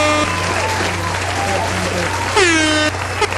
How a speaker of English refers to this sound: I hope that sound effect just went over. It was a crowd applauding.